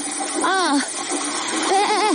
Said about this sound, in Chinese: 水龙头开那么大，你以为是在单位啊？